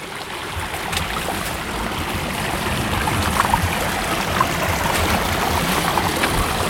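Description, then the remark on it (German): A mountain stream flows steadily, its continuous rushing and gurgling filling the whole stretch at an even, fairly loud level, with no voices. “Weil wenn der Bach wenig Gefälle hat, dann ist er tiefer.”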